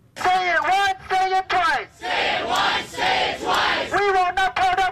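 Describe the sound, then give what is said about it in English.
A crowd of protesters in Austin, Texas chants and yells together in loud, rhythmic bursts, voices rising in harmonic shouts between stretches of broad, roaring crowd noise. They are protesting the shooting of a man by an ICE agent and demanding that ICE leave. “Protests are growing over the shooting of a man in Austin, Texas by an ICE agent.”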